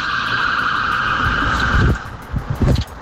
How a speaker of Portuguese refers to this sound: Muitas viaturas, 4, 5, 6, 7, 8. 9 carros de polícia, 10 carros de polícia, 11.